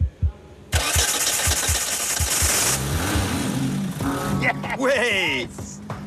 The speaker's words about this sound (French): À quelques heures du point final, tout le monde n'a qu'une idée en tête. Le moteur de 1400 cm3 va-t-il démarrer et donner vie à la GT ou pas? Fais voir. Prêt, démarre. Presque. On n'est pas loin, réessaie.